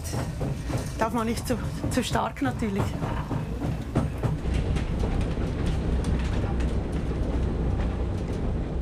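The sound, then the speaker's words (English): A slow, nostalgic mountain train rides steadily up to Schynige Platte, a continuous low rumble broken by irregular clacks and knocks, with voices briefly audible over it near the start. “It's so nice that it doesn't go up there at express train speed.”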